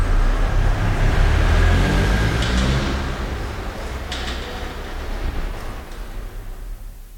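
A car engine rumbles steadily as the car drives slowly through an underground parking garage, echoing in the enclosed space, with a low droning hum and a couple of brief hissy bursts.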